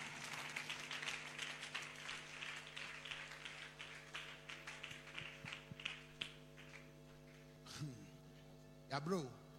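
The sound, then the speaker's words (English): A crowd at a prayer service claps for themselves in a dense, steady burst of overlapping hand claps that gradually thins out, followed by a couple of short vocal exclamations over a constant low electrical hum. “Clap for yourself. Clap for yourself. Oh, clap better.”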